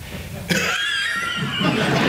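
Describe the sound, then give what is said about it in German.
A man playing the servant in a stage play coughs harshly and raspily in a few strained bursts, fairly loud, with no talking. “… hustet sich durch den Job.”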